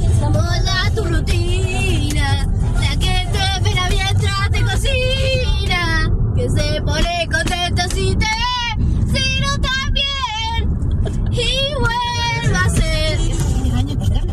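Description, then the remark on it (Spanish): High-pitched children's voices sing excitedly and loudly from the back seat of a moving car, over a steady low rumble of the car engine that continues throughout. “Ahí está, van el asiento de atrás, viajando, y van totalmente enloquecidos, señoras y señores.”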